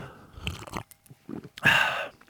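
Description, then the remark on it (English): Wet mouth noises build into one long, loud, exaggerated slurp of an iced oat-milk latte coffee through a straw, with a few smaller sips and gulps before it. “Exaggerated iced latte with oat milk coffee slurp.”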